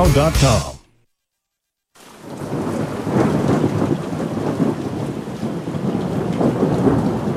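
A brief burst of harmonic sound cuts off into about a second of silence, then steady heavy rain and deep rumbling thunder of a severe storm roll on continuously and loudly to the end, in a severe weather preparedness announcement.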